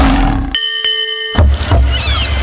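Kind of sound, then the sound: animal, lion roar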